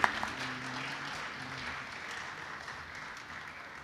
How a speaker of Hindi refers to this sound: जोरदार तालियां, थोड़ा तालियां बजती रहेंगे।